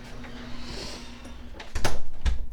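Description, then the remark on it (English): A house's garage door motor hums steadily with a low mechanical rumble, then a few sharp clanks and knocks ring out as the door moves and grows louder near the end. “Hit the garage door. Enter the house.”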